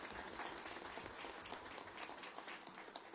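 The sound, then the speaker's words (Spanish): An audience at a religious celebration applauds steadily in honour of Our Lady of Carmen, a dense wash of many hands clapping at once that holds an even, fairly strong level for about three seconds, with no voices audible. “fuerte aplauso a nuestra madre del Carmen.”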